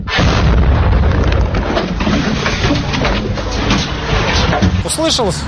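A loud, heavy explosion from a guided aircraft missile strike on a residential district of Odesa, Ukraine, in the evening, with a thick booming rumble and crackling debris that stays dense throughout, then a few short chirping calls near the end.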